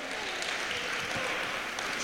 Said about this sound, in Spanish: Dele fuerte ese aplauso al Señor esta noche.